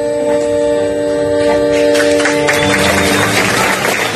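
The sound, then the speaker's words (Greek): Sustained musical notes ring out while the audience at a live concert event in Thebes, Greece, claps, the clapping swelling into dense, steady applause over the last couple of seconds. “Το χειροκρότημα του κόσμου από την εκδήλωση που έγινε στην Θήβα”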